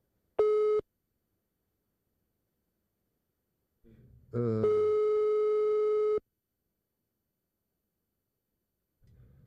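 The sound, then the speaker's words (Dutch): A short electronic phone tone sounds once, then after a pause a longer steady beep follows with a brief low rumble at its start, clear and fairly loud, with no talking; a call-waiting signal for another incoming call. “Ik zie dat ik nog een ander telefoontje heb.”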